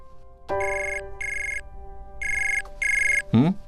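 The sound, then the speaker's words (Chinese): A phone rings in loud electronic bursts, four evenly spaced trilling rings, followed by a brief sliding tone at the end; no one speaks. The call is from the listener's mother. “今麦啥敲电话来啊？”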